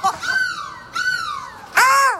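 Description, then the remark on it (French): A person imitates a seagull with three loud, nasal, falling cries in quick succession, the last one the strongest and sharpest, on a bus in Lille. “Mais laisse-moi tranquille, je fais la mouette que je veux.”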